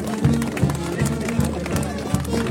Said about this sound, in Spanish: ¡A la cuenta! ¡A la cuenta de uno! ¡A la cuenta de dos! ¡Y a las tres! ¡Fuerte las palmas!